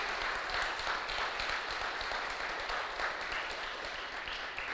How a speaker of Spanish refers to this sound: Dile un fuerte aplauso al que vive, aleluya.